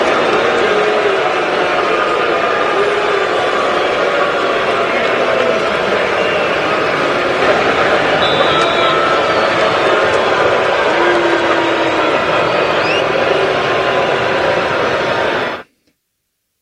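The crowd at Hard Rock Stadium boos quarterback Tua Tagovailoa on his return after six seasons with the Dolphins, a loud, steady roar of many voices that holds for about fifteen seconds before cutting off abruptly.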